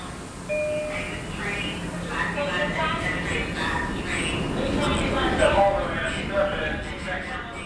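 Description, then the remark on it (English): A busy subway platform at the Myrtle Broadway train station in Bushwick erupts into a dense, continuous clamor. Two trains sit at the station, each with its own announcement, along with a station announcement. Overlapping electronic chimes and tones, rumbling trains and muffled public-address voices all sound at once, loud and echoing throughout. “A couple of years ago, I was actually reporting at the Myrtle Broadway train station in Bushwick, and in a single moment, every train and the platform announcement itself went off.”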